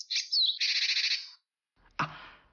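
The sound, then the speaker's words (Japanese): A Japanese tit (shijūkara) gives high, thin whistled notes, its alarm call, followed by a fast, buzzy string of rapid chattering calls, its gathering call, loud, then a brief pause and a softer rustling sound. “ピーピーが警戒。ジジイが集まれ。”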